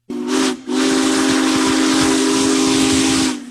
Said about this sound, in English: One of the largest steam locomotives ever built rolls through Nebraska, drawing crowds of rail fans, farmers, and families trackside to see Union Pacific Big Boy 4014. The massive locomotive is touring the country as part of America's 250th